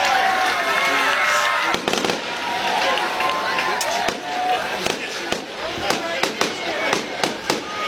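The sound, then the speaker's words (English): A homecoming-night fireworks show after the Concord Minutemen's win over the Goshen Redhawks: fireworks bursting in a rapid string of sharp cracks and pops over a steady crowd roar, the bangs coming quicker and more scattered toward the end. “A fireworks show here on homecoming night.”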